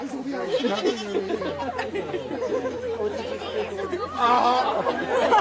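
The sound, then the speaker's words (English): Goats bleat close by in wavering, overlapping cries as a man lies down so they can get closer, amid a crowd's chatter and voices, growing louder and more insistent toward the end. “Harry was then invited to lie down so the goats could get a little closer, and they certainly did that.”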